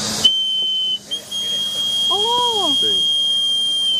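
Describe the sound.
A traditional toy whistle called a tu ji gu is blown in one long, shrill, piercing tone that holds steady at a high pitch for nearly four seconds, with faint voices murmuring underneath.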